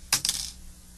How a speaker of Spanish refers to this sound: Un día, un garbanzo peligroso se cayó debajo de la cama y al caerse, sonó como suenan los garbanzos peligrosos.